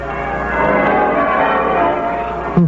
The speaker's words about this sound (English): A bright, shining morning, and the bells of the town pealing out there beyond his window.